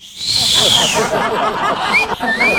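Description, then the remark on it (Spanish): A person imitates catcall street whistling: a long high falling whistle, then two short rising whistles, over a noisy, crackly background. “No, no, no, y aparte que así le silbaban en la calle, así.”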